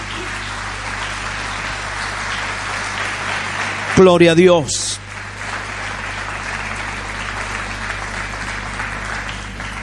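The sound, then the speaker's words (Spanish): Steady applause for the Lord from a church audience during a sermon fills the whole clip, broad and sustained, while a voice briefly calls out over it midway. “Aleluya, denle un aplauso más grande al Señor.”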